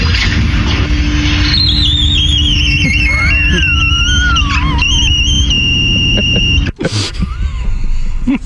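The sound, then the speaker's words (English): A glass door squeaks shut along the floor: long, wavering, high-pitched squeals glide up and down for several seconds, then end in one sharp, loud thud over a steady low rumble. “Now, this is a glass door, and when it shuts, so it makes a different sound.”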